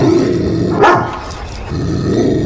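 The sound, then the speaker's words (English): A dog growls low, a rumbling snarl that swells with a sharp rise partway through, then settles back into a steady throaty growl. “does it not scare you when you hear him growl like...”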